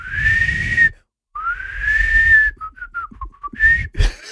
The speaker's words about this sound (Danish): Det lyder altså som om, det er sådan en fløjt, der ikke helt stemmer, når du gør det der værke. Nå. Men der kommer lyd ud.